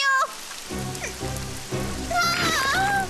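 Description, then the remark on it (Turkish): Steady muddy rain pattering on a hard surface, a dense, continuous splatter that persists throughout, with brief high-pitched tonal cries rising above it near the start and end. “Çamur yağıyor.”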